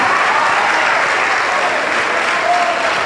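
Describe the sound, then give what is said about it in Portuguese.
A large church audience applauds loudly and steadily, many hands clapping in a dense, continuous wash that never pauses from start to finish, applauding the Lord Jesus for each person coming forward. “Oh glória, vamos aplaudir ao Senhor Jesus por cada vida que está chegando.”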